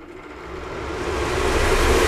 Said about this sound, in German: So, wir machen hier jetzt ganz schnell mal den Venti an.